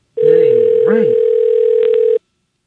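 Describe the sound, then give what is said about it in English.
A single steady two-second telephone ringback tone on an outgoing call, loud, with faint voice-like murmurs underneath near the start, then silence. “Hey, it's ringing an awful lot. I ain't even going to pick up.”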